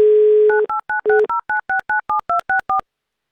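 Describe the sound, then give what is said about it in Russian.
A steady low dial tone plays briefly, then about a dozen quick, evenly spaced touch-tone beeps of varying pitch as a phone number in Tomsk Oblast is dialed by the radio station Avtoradio, loud and with no voices. “Звоним в Томскую область.”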